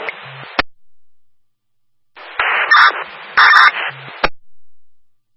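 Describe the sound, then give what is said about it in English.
A portable radio keys up with a burst of static, then two short electronic man-down emergency alert tones ring out over hissy radio noise before a sharp squelch click cuts it off. “Now go ahead and set your portable radios. You can proceed with your first man down.”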